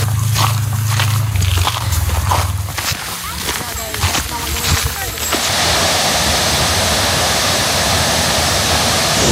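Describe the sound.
Knocks and shuffling over a low hum with faint indistinct voices give way halfway through to the steady, loud, unbroken roar of a waterfall in the Șapte Scări (Seven Ladders) Canyon at Brașov, Romania, where a ladder passes seven waterfalls.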